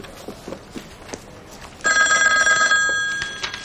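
A telephone bell starts ringing abruptly partway through, a loud, continuous metallic trill that holds steady before fading slightly, preceded by a few soft footsteps or light knocks.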